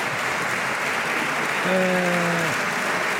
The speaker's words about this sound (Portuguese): E, ainda assim, a receber os aplausos da sua bancada de pé.